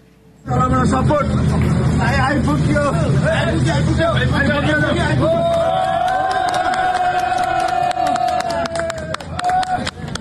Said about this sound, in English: Yeah, they're cheering. Something to cheer about for sure.